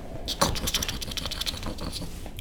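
Two small mice gnaw at a branch in a rapid, scratchy stream of tiny crunching clicks, steady, with no one speaking.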